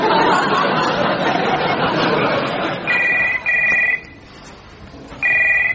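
A telephone rings in loud electronic bursts, starting partway through after a stretch of background chatter and laughter, with short pauses between rings.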